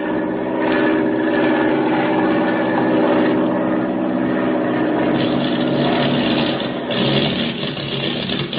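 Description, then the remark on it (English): A propeller airplane engine with motor trouble drones loudly and steadily over the Indian Ocean, its rough tone wavering and briefly faltering near the end as if the motor is sputtering. “We've got motor trouble.”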